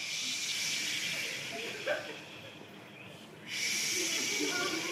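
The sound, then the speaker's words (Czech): A group of people imitate the sea with a steady, breathy shushing hiss that swells and holds, briefly drops away for a moment, then surges back just as strongly. “Jdeme, moře, 3, 2, 1, teď!”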